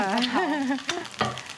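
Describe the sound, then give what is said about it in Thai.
Steady hissing sizzle of holy basil stir-frying in oil for a Thai kaprao stir-fry made at home, with a voice briefly sounding over the crackle in the first half before the frying continues on its own. “ถ้าใครที่กลัวความฉุนของการผัดกะเพรานะคะก็แนะนำว่าใส่ไปพร้อมกับน้ำมันแบบนี้เลยจะง่าย ใส่ตอนน้ำมันไม่ต้องร้อนมาก”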